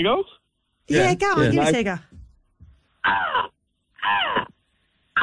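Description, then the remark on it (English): A person imitates a seagull with loud, throaty, squawking calls: one long wavering cry followed by two shorter caws, with brief pauses between. “It's good. It's throaty. Yeah, it is throaty.”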